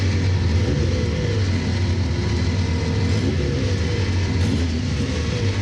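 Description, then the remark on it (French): An 800-horsepower twin-turbo car engine, started with a small key like a normal car, runs with a steady, loud low rumble and a constant mechanical hum, holding an even level throughout with no voices. “On va démarrer le moteur.”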